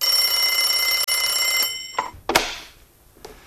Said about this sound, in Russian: Зазвонил телефон, и Нунан схватил трубку.